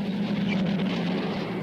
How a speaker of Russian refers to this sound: Мимо проезжают грузовики.